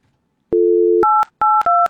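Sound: telephone touch-tone dialing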